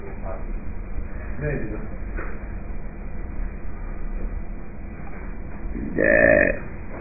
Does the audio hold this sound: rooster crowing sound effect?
no